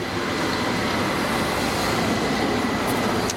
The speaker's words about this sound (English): Yeah, good cable car sounds.